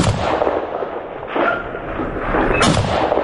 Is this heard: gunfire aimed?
yes